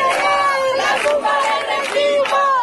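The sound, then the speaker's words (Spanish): A large protest crowd in Sevilla, Spain, chants in unison at night, many raised voices rising and falling in steady rhythmic phrases, loud and continuous for the whole stretch. “Pues sí, así sonaba, por ejemplo, anoche el hartazgo en Sevilla.”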